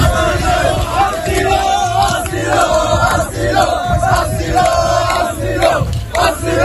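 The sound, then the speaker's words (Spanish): A loud crowd of about 500 migrants returning to a beach chants "asilo, asilo" (asylum) over and over in a steady, rhythmic cadence, many voices shouting together with constant background clamor. “Al grito de asilo, asilo, los migrantes, como acabas de escuchar, vuelven a la arena.”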